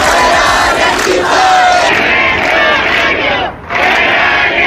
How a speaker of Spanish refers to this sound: Es sonido de la protesta este miércoles en Las Setas, en el centro de Sevilla, también en Málaga, en Huelva, en Cádiz.